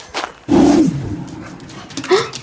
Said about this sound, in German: Boah, du bist ja riesig. Wie kann so ein großer Hund nur so fiepsen, dass es sich anhört, als wäre er ein Welpe?